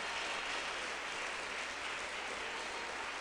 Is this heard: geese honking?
no